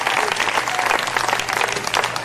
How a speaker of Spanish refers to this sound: ¿Cuántos alaban al Señor? Denle fuerte aplauso al Cristo de la gloria. Gloria a Dios.